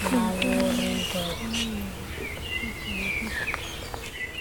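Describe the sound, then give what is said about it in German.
Thin, high-pitched bird chirps and twittering from birds all around come in short repeated bursts, while a person speaks softly near the start over steady outdoor background noise. “Da sind auch welche, also eigentlich sind rund um uns rum Vögel zu hören.”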